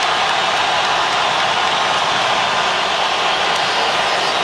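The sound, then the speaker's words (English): A large stadium crowd in Guadalajara applauds Colombian player James Rodriguez as he is substituted off the field, a loud, dense wash of clapping and cheering that holds even for several seconds with no voices standing out. “And a round of applause for the Colombian legend, James, as he exits the field here in Guadalajara.”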